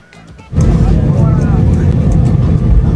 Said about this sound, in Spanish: Escuche usted cómo le aplaudieron a Morita en el avión.